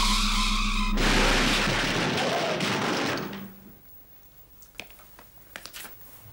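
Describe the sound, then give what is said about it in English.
An empty test car, driven fast by a very small robot, skids with a steady, droning whine, then a loud burst of harsh noise as it crashes. The roar fades, leaving a few sharp clatters of debris settling. “In a crash like that, the car would be damaged, human beings would be hurt or killed, but robots would not be harmed.”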